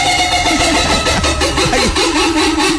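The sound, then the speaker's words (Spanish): An electric fan whirs loudly and steadily as it starts up, with a rhythmic pulsing rattle from its small axle and low, wavering mechanical tones; no voices are heard. “No, no, eso es el ventilador. Sí, sí, es el ventilador bailarín.”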